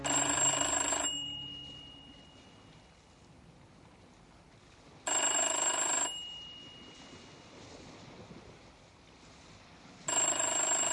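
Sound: telephone ringing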